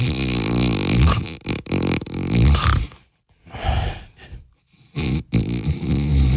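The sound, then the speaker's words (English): A person imitates loud, exaggerated snoring: a long rattling snore, then two shorter snorting bursts after brief pauses, harsh and buzzy with a low rumbling tone. “You're sleeping.”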